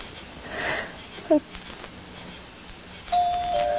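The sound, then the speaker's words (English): A doorbell rings out with a steady, sustained tone that starts near the end and holds, stepping slightly in pitch, after a stretch of quiet rustling and a brief soft bump. “Go on, push the bell.”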